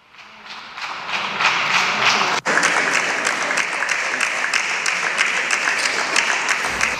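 Sustained applause from a large crowd giving a standing ovation in a parliament, many hands clapping steadily and loudly for several seconds, swelling quickly at the start and holding a dense, even roar with a brief dip midway.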